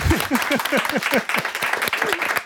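An audience bursts into steady applause, a dense patter of many hands clapping at a lively, even pace for a couple of seconds, with a few faint vocal murmurs mixed in.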